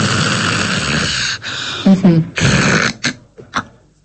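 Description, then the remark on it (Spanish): A person imitates snoring with their voice, acting out someone who snores, stops breathing in apnea and breathes again: a long, raspy rattling breath followed by a few shorter snorts and gasps, fairly loud, with no other talking. “Entonces vamos a imaginar que estamos roncando.”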